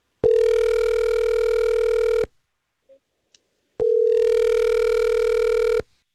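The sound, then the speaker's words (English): An outgoing phone call from the Star 101.3 radio morning show to a listener ringing: two long, steady ringback tones about two seconds each, separated by a short silent pause, clear and loud with no voices. “Let's see if we can call her and get to the bottom of it.”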